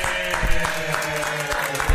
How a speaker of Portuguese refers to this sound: Peraí, vamos aplaudir, vamos aplaudir. Aê, vamos aplaudir.